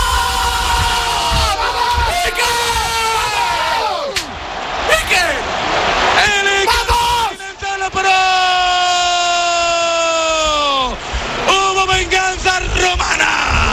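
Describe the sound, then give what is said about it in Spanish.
A huge stadium crowd roars after goalkeeper Iker Casillas saves a penalty taken by De Rossi, in a loud, sustained wave of yelling, with strained shouting voices rising above the din and swelling again in repeated bursts. “En la grada, madre mía, qué grito soltó. Soltó toda la adrenalina.”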